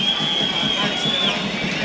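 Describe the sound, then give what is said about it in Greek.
A large stadium crowd at a football match applauds an Argentine player for his effort, a dense, steady wash of clapping and crowd noise, with a thin high whistling tone running through the first part. “Μπαλάνε πλάγια για τον Όφη, κερδίζει το χειροκρότημα όμως ο Αργεντινός για την προσπάθειά του.”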